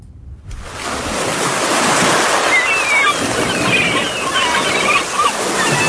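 Water laps and sloshes steadily against the banks of a canal in Venice, Italy, a continuous wash of sound, with boats passing faintly and a few thin chirps.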